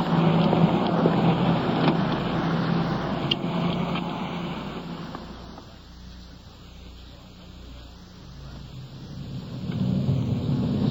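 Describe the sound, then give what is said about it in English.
A police car drives along with a steady rumble and broad road hiss, over an hour into a drive to another city about 30 miles away. The noise eases off for a few seconds in the middle, then swells again. No one speaks. “We've been driving for better than an hour, and as the suspect in this case lives in another city some, 30 miles away.”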